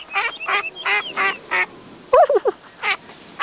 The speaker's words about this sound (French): Devant lui, Toudou voit une grande mare avec des canards.